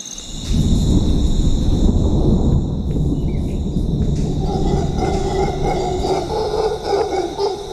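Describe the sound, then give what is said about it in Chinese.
A long, loud roll of thunder over a tropical rainforest in Costa Rica at dawn, under dense cloud, rumbles low and deep through the whole stretch, rising after a quiet start, while a steady high drone of insects or birds carries on above it. “浓密的云层并未阻挡这群猴子引吭高歌的兴致，不过雷声还是引起了他们的注意。”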